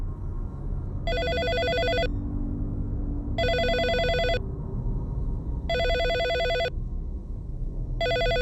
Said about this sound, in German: Da läutete das Telefon. Da bin ich also ans Telefon gegangen. Und es meldete sich dann die Pressestelle der Innenbehörde.